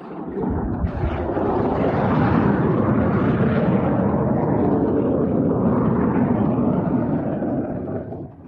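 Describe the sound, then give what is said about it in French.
A loud, close roar of fighter jets at an air base runway, pilots practising landings as on an aircraft carrier deck, swells up in the first second and holds steady for several seconds before easing slightly at the end, with no voices. “Tout de suite, nous arrivons sur celle-ci, et vous allez l'entendre dès maintenant, les avions font quelque peu du bruit.”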